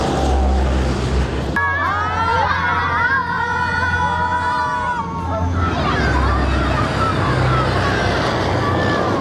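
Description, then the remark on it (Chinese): A military jet roars along a runway nearby, its tires rubbing against the ground, a loud sustained engine rumble with a rising, wavering whine in the middle, while a crowd of watching students murmurs in the background. “轮胎与地面的摩擦，大家给他打个招呼好吗？”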